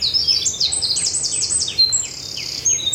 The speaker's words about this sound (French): Ah, les troglodytes, les fauvettes. Les mésanges. Voilà, et les merlettes, les merles qui viennent gratter un peu partout. Je suis entourée d'oiseaux, ça c'est sûr.